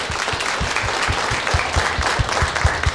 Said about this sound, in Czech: blahopřejeme a tleskáme, posíláme odměny.